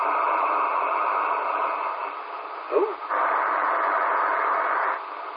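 Steady hiss and crackling static from a shortwave radio receiver, an S5 signal of nothing but interference, a band-limited wash with a brief warbling sweep midway, continuing at a constant level without any voices.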